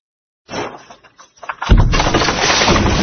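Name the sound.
thunder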